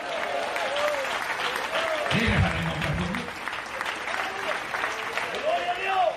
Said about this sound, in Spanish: Den fuerte ese aplauso si es para él.